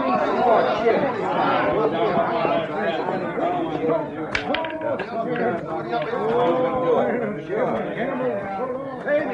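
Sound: crowd chatter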